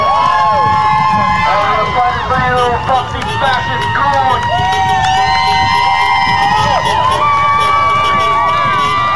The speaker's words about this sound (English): And they're, the inmates, the detainees, are flashing the lights on and off, and that's what the people in the street were cheering about.